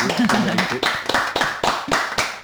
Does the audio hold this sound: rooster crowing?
no